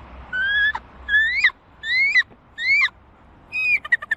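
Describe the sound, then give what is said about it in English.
A bird caller imitates a bald eagle's call for the Atlanta Hawks' NBA schedule reveal: five high, thin whistled cries rising in pitch, spaced evenly, the last breaking into a quick series of sharp chirps. Clear, with no talking. “Bald eagle.”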